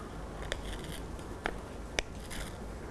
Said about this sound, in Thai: เด็กๆค่อยๆนำมือทั้งสองข้างของเด็กๆนะคะจับไว้ที่กระดาษสีเลยและเด็กๆค่ะค่อยๆฉีกกระดาษนะคะโดยเด็กๆนะคะฉีกกระดาษเข้าหาตัวแบบนี้ค่ะเด็กๆค่อยๆขยับมือของเด็กๆนะคะตามกระดาษเลยค่อยๆขยับมือเลยค่ะ